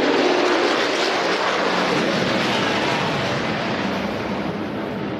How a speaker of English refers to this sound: That was a flyover that you can feel in your chest